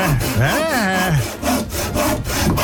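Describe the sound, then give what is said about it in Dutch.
A saw cutting through wood in steady back-and-forth strokes, fairly loud, with rasping scrapes repeating throughout the short clip. “40 knopjes geprobeerd en daar is hij dan, de zaag.”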